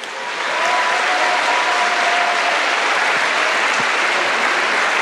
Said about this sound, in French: il y a beaucoup de monde qui travaille derrière les sessions, donc merci de les applaudir parce qu'on ne les voit pas beaucoup.